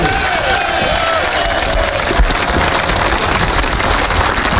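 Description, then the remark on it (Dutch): A crowd applauds SKS champion skipper René Nagelhout of the Grou skûtsje at the award ceremony. The clapping is a steady, dense wash that stays loud and even throughout, with a few faint voices and whistle-like cheers rising above it. “En dat applaus klinkt voor de man die het als nog een keer een kampioen is van de SKS.”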